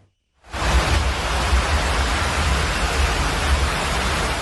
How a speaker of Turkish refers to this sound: Görüntüler Balıkesir'den. Erdek ilçesinde bir saat süren sağanak sele neden oldu. Hükümet Caddesi'nin büyük bölümü suyla doldu.